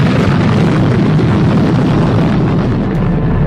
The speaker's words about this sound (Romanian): Forța acestei explozii a fost evaluată la 15 megatone, de 1000 de ori mai puternică decât bomba de la Hiroshima. Unda de șoc și sunetul exploziei s-au auzit la mii de kilometri distanță.